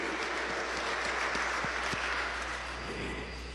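Steady applause from a crowd for birthday celebrants on Radio María, a dense wash of many hands clapping at an even loudness for several seconds, easing off slightly at the end, with no voices standing out.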